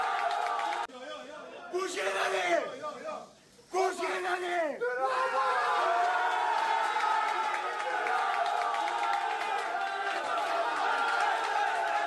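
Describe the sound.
Loud, excited yelling from several voices bursts out in the first few seconds as a club president from Albania enters a dressing room shouting while prizes are handed out, then gives way to a steady, dense roar of crowd cheering and chatter that continues to the end.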